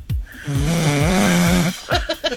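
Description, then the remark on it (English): A man lets out one long, loud, rumbling snore, a buzzing drawn-out inhale, followed by a few shorter ragged breathing sounds. “Christine sent me a text this morning that said that she maybe last night had to deal with a little bit of what I deal with all the time. And that is the snoring”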